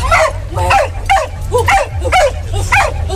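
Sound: corgi barking loudly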